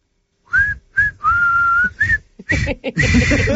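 A person whistles the melody of a famous, easy song for a guess-the-song game: a few clipped notes followed by a long held tone, then a quicker run of notes with some breathy background noise at the end.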